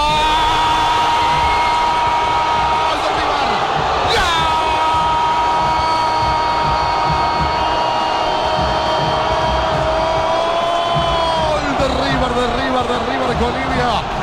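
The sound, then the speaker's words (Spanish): A huge crowd at River Plate's Monumental stadium roars in a dense, unbroken wall of noise after Colidio scores a penalty for River in the 17th minute of the second half, while a man's voice holds a long, sustained shout over it, wavering in pitch near the end. “Explota, estalla el Monumental.”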